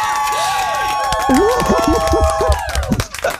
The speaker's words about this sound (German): Applaus.